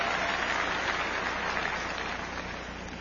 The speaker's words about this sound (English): Give your President Weingarten a great big round of applause.